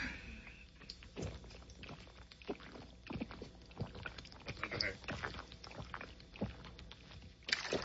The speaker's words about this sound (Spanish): Ya nomás, ahí va, déjame le echo voy a echarle un buen trago a mi bote de agua. Yo tomo nomás, pura.